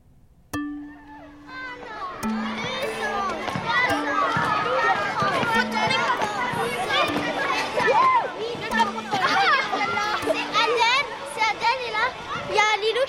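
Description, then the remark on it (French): Children playing chasing games such as freeze tag (loup glacé), cops and robbers and épervier in a playground, many young voices shouting and calling over one another in a continuous, lively din, with bursts of excited cries throughout. “Loup glacé, policier voleur. Épervier.”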